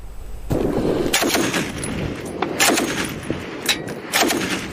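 Dense, rapid gunfire in fierce fighting between Yemeni government forces and Houthi forces in Taiz province, Yemen, from a video released by the Houthis, rattles almost continuously, with several louder bursts standing out above a steady barrage of shots. No one speaks.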